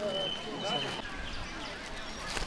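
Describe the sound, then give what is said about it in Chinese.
Several Eurasian blackbirds sing outdoors at the Temple of Heaven in Beijing, a birdwatching spot, their clear whistled phrases carrying over a steady hum of outdoor ambience, with the sharpest notes coming early and softer calls trailing off. “这好多好多乌冬在叫 啊！”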